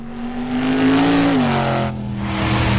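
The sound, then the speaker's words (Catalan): A car engine revs loudly, its pitch climbing then dropping back to a steady growl, with a brief dip before the roar continues. “Motor Show Extreme, de gira per Europa”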